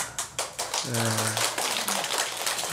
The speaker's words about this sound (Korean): 또 뭐 좀 말씀이 괜찮았는가 박수를 다 치시네.